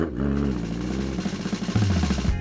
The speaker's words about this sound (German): Lächelnd ließ sie den Rasenmäher an und der Motor begann kraftvoll zu surren.